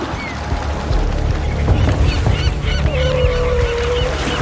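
Seagulls at sea, following Bryde's whales as they start hunting, call repeatedly, their rising-and-falling squawks overlapping in a busy flock over a steady low rumble of wind and water, moderately loud.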